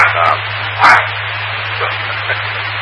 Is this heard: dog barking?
yes